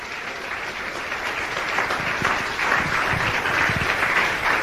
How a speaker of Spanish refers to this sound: Le doy un aplauso a Cristo que Él se lo merece.